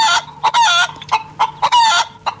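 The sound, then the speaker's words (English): A loud chicken clucks in quick bursts, broken by two longer, drawn-out rooster-like calls. Barnyard fowl sounds only, with no voices. “it is nearly time to play Winner Winner Chicken Dinner. You are listening out for this.”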